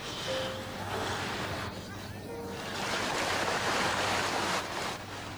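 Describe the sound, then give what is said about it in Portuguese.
Ocean waves wash and surge in a continuous roar, swelling louder midway before easing slightly, with a faint low tonal hum underneath. “Cada vez que a onda passa por cima da sua cabeça, você pensa: eu preciso sair dessa água agora.”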